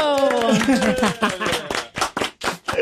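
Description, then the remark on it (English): A small group in the B100 radio studio cheers with wavering, high-pitched whoops over a burst of loud, uneven clapping that thins into a few separate sharp claps at the end. “Can we get a cheer in studio?”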